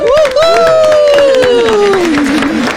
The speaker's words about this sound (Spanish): Así que vamos a recibir a los presentadores, que muchas gracias por estar aquí, con un fuerte aplauso.